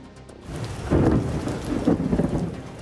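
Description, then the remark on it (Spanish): Steady rain pours down during an electrical storm while deep rolls of thunder swell and rumble through, growing louder near the middle and again toward the end, with no voices present. “Pues a menos de 24 horas para la final, una tormenta eléctrica ha obligado a cancelar el último entrenamiento de España antes del gran día y los jugadores han hecho una pequeña sesión física en el gimnasio.”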